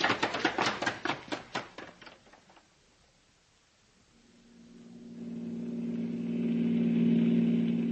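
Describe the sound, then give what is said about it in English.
A quick series of sharp, rhythmic clacks fades out, then a car engine rises into a steady, fairly loud droning hum as the vehicle drives along. “Well, I'm going to slow down then. No use getting picked up for speeding.”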